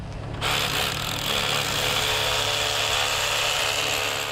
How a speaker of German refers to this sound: Gebohrt und gedübelt wird nur auf dieser ersten Ebene.